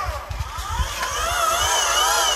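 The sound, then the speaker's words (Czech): The small electric motor of a telescope mount whirs steadily as it slews, outdoors on a clear, sunny afternoon, its thin whining tone wavering and climbing slightly in pitch, with a few soft low thumps early on and no talking over it. “Přesně, je to zvuk takového elektrického motoru, je to poměrně tichá záležitost.”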